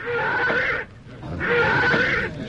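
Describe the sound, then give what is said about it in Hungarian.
A horse that has bolted and thrown its rider whinnies twice, each call a loud, harsh, breathy cry of under a second, separated by a short pause, with no voices present. “Nézd csak, Jusszuf lova megbokrosodott, levetette gazdáját.”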